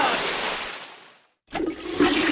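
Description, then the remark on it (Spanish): A toilet flushes with a loud rushing gush of water that fades out, followed after a brief silence by a second surge of water refilling the tank, without talk. “¿Lo has oído? Es el sonido del alivio, el momento en que todo vuelve a la normalidad.”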